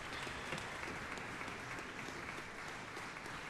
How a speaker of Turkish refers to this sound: Genç sanatçı Stasikevich bir kez daha sahneye gelmek üzere, alkışlar kesilmiyor. Evet, tekrar sahnede, elinde kemanı var. Eğilerek seyirciyi selamlıyor. Bir bis parçası getirecek mi bu alkışlar?